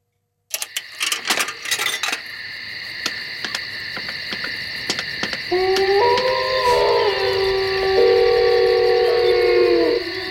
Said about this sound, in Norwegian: Blanding av varulv, eller ulvehyl og telefonoppringning der.